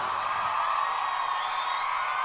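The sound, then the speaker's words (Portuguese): A crowd applauds and cheers in a loud, continuous roar, with high whoops and yells rising above the dense clapping throughout. “Aplausos”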